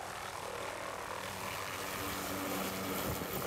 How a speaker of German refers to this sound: So, es ist jetzt 6.36 Uhr und wir sind hier an dem Platz, wo unser Hubschrauber starten wird. Und irgendwo da oben wird unsere Alp sein. Der Hubschrauber holt erst einmal sie und dann ihr Gepäck.